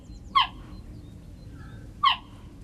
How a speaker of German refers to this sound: Klingt wie ein Vogel, ist aber eine Raubkatze. Geparden können nicht brüllen wie Löwen, stattdessen zwitschern sie. Denn wer wie ein Vogel klingt, wird von anderen Tieren in der Savanne vielleicht nicht so schnell erkannt.